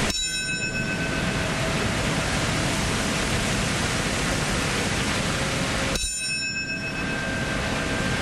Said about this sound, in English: Is the sound of the 903 bell in New York City. That marks the exact moment when United Airlines Flight 175 crashed into the South Tower of the World Trade Center.